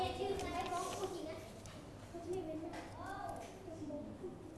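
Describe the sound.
A group of children in a classroom clapping their hands for a classmate who correctly answered a fractions problem, in a steady, scattered patter, with young voices chattering faintly underneath throughout.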